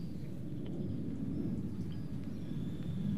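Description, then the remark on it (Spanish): A person imitates a pig's grunt in a hoarse, breathy voice, producing a steady low rumbling snort that runs for about three seconds. “No, este cerdo está muy... Es un avión, afónico, es el cerdo afónico.”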